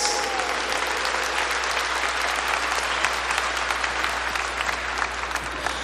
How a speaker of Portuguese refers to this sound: Palavra da salvação. Glória a vós, Senhor. Aplaudamos a palavra de Deus.